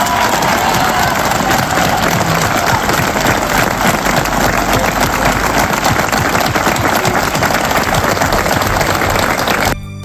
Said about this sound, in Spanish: Queríamos darle un fuerte aplauso a todos por la labor tan grande que están haciendo con nosotros. ¿Vale? Un aplauso y un viva por todos ellos.